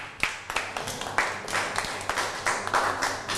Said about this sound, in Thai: อ้าวปรบมือให้เพื่อนหน่อย